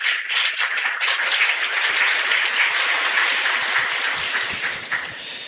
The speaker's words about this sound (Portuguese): A vocês também a nossa gratidão e as nossas palmas.